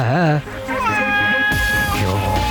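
A cat meows with a wavering, rising-and-falling cry, followed by longer drawn-out mews, with low background murmuring underneath.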